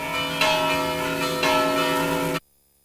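Church bells of the Church of Santa Maria in Badalona ring the vigil peal opening the Festa Major, played by the bell ringers of Badalona: a loud, festive peal, overlapping strikes building a dense, shimmering wash of tones with fresh accents every second or so, then cutting off abruptly.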